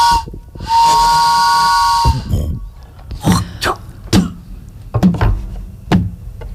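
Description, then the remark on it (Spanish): A steam train arrives in the distance. It sounds one long, loud, steady whistle over a hiss of steam, then slows into heavy rhythmic chuffs coming in pairs, with no voices. “A lo lejos se escucha un tren llegar y un viejo forastero bajar de él.”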